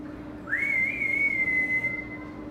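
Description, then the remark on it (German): A single sustained whistle from a zookeeper calling an animal named Kiko rises briefly, then holds a steady high pitch for nearly two seconds, loud over a low background hum, with no talking. “Man muss laut rufen und gut pfeifen können.”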